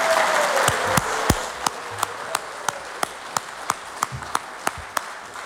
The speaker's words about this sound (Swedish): Jag tror vi ger dig en ny och god applåd, folkens.